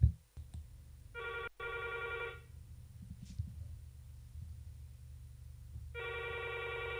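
A telephone rings in two distinct bursts of a harmonic electronic trill, each about a second long, separated by a pause, over a low background hum, as a listener calls in to a radio phone-in programme. Nobody speaks.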